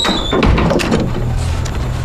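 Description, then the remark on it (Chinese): A door opens with a short scraping slide and a low thump near the start, followed by a faint steady hum. It is moderately loud, with no talking. “石警官， 开门。”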